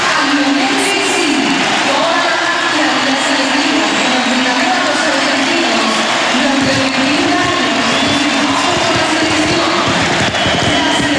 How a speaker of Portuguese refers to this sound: Estádio Monumental em aplauso contínuo durante vários instantes, o minuto 10 do Argentina-Benin, um jogo particular, um jogo que a Argentina ganhou por 3-0 em Buenos Aires